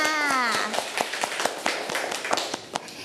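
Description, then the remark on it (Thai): Schoolchildren in a lesson clap their hands for two classmates in a brisk, slightly uneven run of about a dozen sharp claps, fairly loud, with a short high voice sounding at the very start. “อาเด็กๆปรบมือทั้งสองคนค่ะ”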